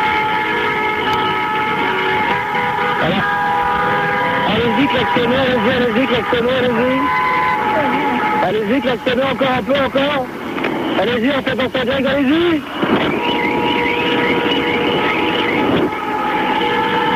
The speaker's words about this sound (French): Allez-y, klaxonnez, encore un peu, encore. Allez-y, on fait passer direct, allez-y. Alors, ça fait du bruit quand même, hein, Paris la nuit, hein.